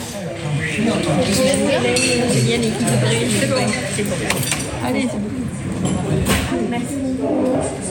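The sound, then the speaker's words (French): Dishes and cutlery clink and clatter repeatedly in a busy café where dishes are washed and drinks are carried to customers, sharp metallic taps scattered over a steady hum of background chatter from several people. “Ici, le mardi, en principe, je m'occupe surtout de la vaisselle ou de porter les consommations aux clients.”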